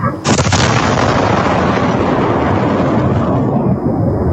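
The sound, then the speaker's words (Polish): A sudden, powerful explosion from a cruise missile impact, probably a Russian CH-101, hits with a sharp onset, then a loud, dense roar and rumble that sustains for several seconds, distorted, as captured by a security camera microphone on a house; the impact left a crater over ten metres across. “Była potężna eksplozja, jest kilkunastometrowy lej. Efekt uderzenia słyszymy na nagraniu z kamery monitoringu na jednym z domów.”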